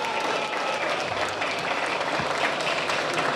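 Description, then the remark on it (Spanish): Steady audience applause for José Saldívar, mayor and municipal president of Guadalupe: a dense wash of many hands clapping at an even, sustained loudness throughout, with no voices standing out above it. “Fuerte el aplauso nuevamente para el licenciado José Saldívar, alcalde.”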